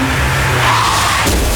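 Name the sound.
car skidding and crashing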